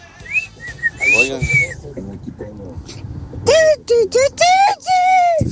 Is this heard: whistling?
yes